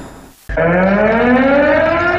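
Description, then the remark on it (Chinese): A civil air defense warning siren sounds at the 2026 9·18 civil air defense alarm event in Zhengzhou, Henan, starting abruptly after a brief muffled lead-in, a loud sustained wail of layered tones whose pitch slowly climbs as it winds up, with no voices. “今天上午，河南省2026年9·18人民防空警报市民暨人防课幕展演活动在郑州举行。”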